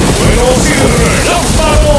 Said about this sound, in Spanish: Sonando …. En otoño. Con lluvia.